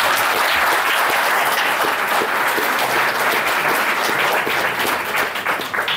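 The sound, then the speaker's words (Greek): An audience at a book presentation applauding steadily, a dense wash of many overlapping claps that stays loud and even for several seconds before easing slightly at the end. “Και θέλω πάλι να την χειροκροτήσετε, παρακαλώ.”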